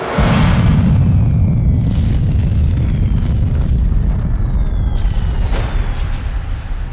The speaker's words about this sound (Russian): Перед рассветом советские подразделения отошли на безопасное расстояние от вражеских позиций. По приказу командира роты был произведен взрыв.